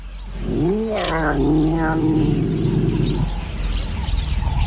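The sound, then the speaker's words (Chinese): A serval cat on the African savanna snarls at a cheetah: one drawn-out, wavering snarl lasting about three seconds, loud, rising and falling in pitch over a steady outdoor rumble, with no one speaking. “叟猫虽然个头要小一些，但有能力给猎豹造成严重伤害。”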